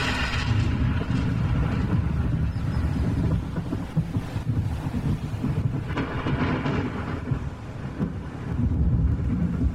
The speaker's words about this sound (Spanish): Trueno bendito, mensajero de la lluvia que enriquece la tierra.